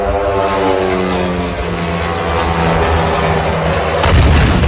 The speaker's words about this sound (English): Officials say Ukraine fired more than 1,000 drones at Russia overnight, with hundreds launched toward Moscow, including this one.